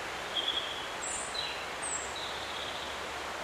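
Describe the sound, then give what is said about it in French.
Faint, distant Eurasian blackcap song: a few brief, high warbled phrases drifting over a steady outdoor hiss of rustling foliage, with no voices. “Et au loin, je crois qu'on entend aussi une fauvette à tête noire.”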